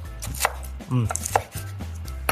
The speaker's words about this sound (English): And while that's heating up, I'm gonna start to chop up the bacon. And this is the hardest part of the recipe, because you're gonna wanna start eating it. It's so good.